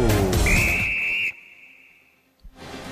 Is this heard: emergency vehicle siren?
no